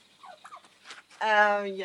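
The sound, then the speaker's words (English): A goose lets out a loud, harsh, drawn-out warning honk, preceded by a second of faint squeaks and rustling. No one speaks. “The geese are really nice. He's just warning you that he's really big and he's really scary, but he's not scary.”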